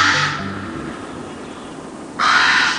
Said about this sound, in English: The common raven is our largest songbird, and it has a voice to match its size.